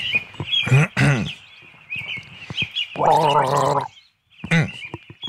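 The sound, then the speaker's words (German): A person gargles a short tune of three notes, not a classical piece, wet bubbling notes rising and falling in a few bursts with brief pauses, fairly loud, a faint high whine running underneath. “Du bist ein bisschen, bist schon sehr knausrig geworden beim Gurgeln.”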